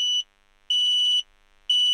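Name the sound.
carbon monoxide alarm beeping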